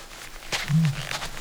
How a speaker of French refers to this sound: Ah, ça y est, il est à côté du buisson. Mais il n'est pas tout seul. Il y a toute une bande d'autruches mâles qui crient chacun leur tour.